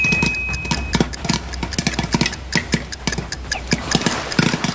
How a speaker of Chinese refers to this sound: 对，这时候的火就放开到最小就可以了啊。来，我们静待这一锅爆米花，听。